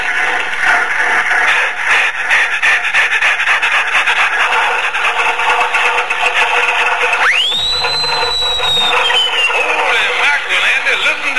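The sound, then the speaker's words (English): An old Stutz Bearcat car engine being started: a loud, continuous rasping and grinding churn, then a sudden high whine that shoots up and slowly slides back down as the racket keeps going. “Now, let me get the thing started. Yeah, start up.”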